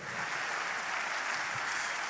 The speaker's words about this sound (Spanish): Fuerte ese aplauso con más ganas, que el cielo lo escuche.